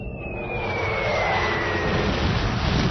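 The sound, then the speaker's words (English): A loud, steady engine roar of a diplomatic spaceship fleet from Proxima Centauri landing on Earth, with a high whine slowly sliding downward over a rumbling low end, building slightly and continuing without any voices. “We now go live to this historic landing.”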